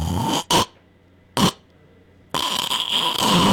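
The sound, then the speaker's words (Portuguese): A voice imitates a choking snore: a rough rasp and two short gasping bursts, about a second of silence as if breath stops, then a long, loud, harsh snorting breath. “Tenho certeza que você aí vai se identificar, que é aquele ronco que falta ar, sabe?”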